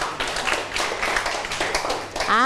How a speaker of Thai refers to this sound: โอเคปรบมือให้เพื่อนทั้งสองคนหน่อยค่ะ